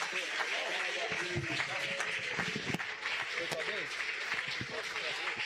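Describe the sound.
An audience applauds steadily, dense overlapping claps running throughout with a murmur of voices and cheers mixed in, the level staying fairly even for the whole stretch.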